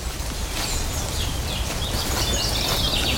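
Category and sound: bird, eurasian blackcap singing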